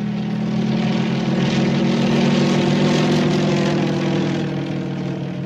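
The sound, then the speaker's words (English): A propeller airplane engine drones steadily and loudly throughout as the plane flies in the air, a constant low throbbing hum with a rough, buzzing texture. “In the air.”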